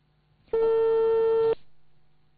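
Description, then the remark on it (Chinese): A loud, steady telephone ringback tone sounds once for about a second while a call to the Liaoyuan city civil affairs bureau is being connected, a single clear electronic pitch, then cuts off, leaving faint line hiss behind. “现在我们正在尝试接通的是辽源市民政局的电话，专门负责低保待遇审核的。”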